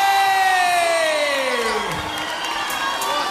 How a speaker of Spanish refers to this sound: ¡Fuerte el aplauso